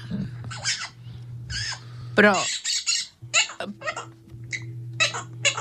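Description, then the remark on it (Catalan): A parrot named Quico, in heat and looking for a mate, calls excitedly in a rapid run of harsh squawks and chattering screeches, loud and irregular, over a steady low hum. “Busca marella i està tan excitat que el menjar és l'última de les seves prioritats. En cel! El lloro està sortit!”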